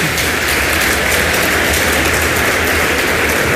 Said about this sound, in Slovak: Cenu za rozprávku v prvej kategórii získavajú Príbehy Kveťa Hrebára. Veľký potlesk.